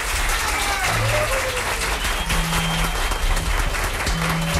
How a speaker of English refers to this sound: applause now for Jack Costanzo. Come on, everybody.